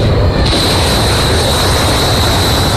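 Loud, dense rumbling of bomb explosions from American night strikes on Iran merges into a continuous roar with a faint high whine above it. No distinct shots or separate blasts stand out, and no one speaks.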